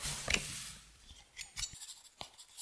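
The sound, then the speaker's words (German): A pen scratches across paper in a run of short, irregular strokes, with a soft rustle between them, as notes are taken at a crime scene in a stable passage. Quiet, with no voices. “schreiben Sie mit.”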